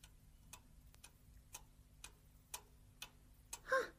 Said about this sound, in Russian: А это что? Ох, часы чик-чик-чик.